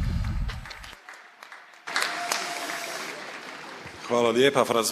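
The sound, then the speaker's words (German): Applause from an audience fills the space, a dense crackle of clapping that carries on steadily before a man's voice comes in near the end, speaking over it; the audience is welcoming a priest who is to speak about fasting. “Begrüßt ihn mit einem großen Applaus.”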